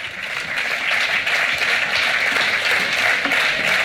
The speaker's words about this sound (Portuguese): Un aplauso para el coro de Xunqueira, un de Pontevedra. Muy bien, chavales.